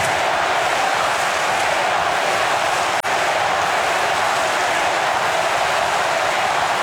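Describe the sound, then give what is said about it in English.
A football stadium crowd at a match involving Brisbane roars loudly and continuously, a dense, steady wash of cheering that dips for an instant midway before surging on. No one speaks over it. “And listen to the crowd.”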